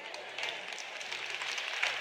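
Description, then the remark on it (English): An audience applauds with a steady, dense patter of many hands clapping, fairly soft and unbroken for about two seconds, with no voices over it. “Well, you'll clap louder by the end of the weekend, so it's all right.”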